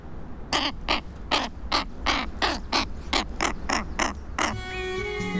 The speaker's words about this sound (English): that beautiful jet black bird.